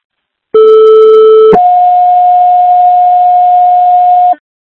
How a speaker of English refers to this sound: Fire controlling Hartford, second tones for left, assist 83 Genesee Street.